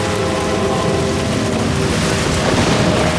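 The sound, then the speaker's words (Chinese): A low, continuous rumble of thunder rolls beneath a dense, steady hiss like heavy rain, holding an even loudness for the whole stretch with no voices. “你是不是把雷声听成枪声了？”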